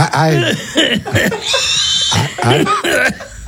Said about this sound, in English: that sound of that, her holding that pig and that pig squealing like that